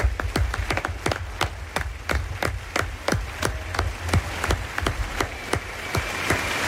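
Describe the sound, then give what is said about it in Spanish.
Audience applause for the lead actors of a radio drama performance of The Island of Doctor Moreau: steady, rhythmic clapping, fairly loud, continuing at an even pace for several seconds with no voices. “Aplauso para nuestra pareja protagonista de esta mañana, de la isla del Doctor Moreau,”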